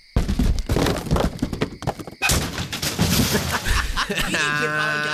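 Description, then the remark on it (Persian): A motorcycle is thrown down into a ravine, tumbling and crashing to the bottom, a loud run of heavy thuds and metallic bangs over several seconds, ending in a steady droning tone. “الان می‌نزمش تا این دره له بشه عشق کنید.”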